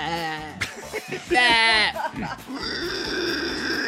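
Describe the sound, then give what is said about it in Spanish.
A cow moos loudly in a long, drawn-out call, the low lowing swelling into a strained bellow before easing into a steady, sustained tone. “Y sonó la vaca”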